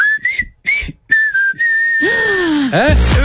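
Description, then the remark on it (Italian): A person whistles a short tune, a few clear notes ending in a long held pitch, followed by a louder, buzzier sliding sound near the end. “Allora, potremmo mixare anche questo fischio sulle vostre scelte di stasera, perché sta per partire Dance Affair.”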